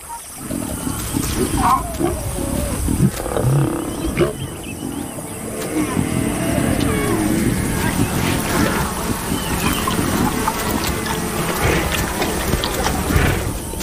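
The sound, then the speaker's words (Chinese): Lions feeding, with steady low, rough growls and snarls running throughout alongside wet tearing and chewing noises, fairly loud and continuous with no talking. “在狮子大快朵颐的同时，大象照例在午后前往河边。”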